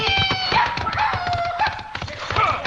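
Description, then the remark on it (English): Rapid hoofbeats of a horse galloping away, a steady drumming rhythm mixed with bright tonal sounds, fairly loud throughout, with no one talking. “Go to a kid, ride for your life!”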